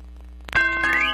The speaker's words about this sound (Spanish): Las campanas ya están sonando porque llega el convento donde nadie reza, pero todos se ríen.